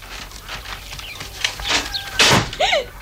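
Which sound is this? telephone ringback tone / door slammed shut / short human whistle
door slammed shut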